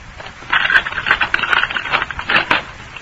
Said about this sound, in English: All right. I'll unlock the door.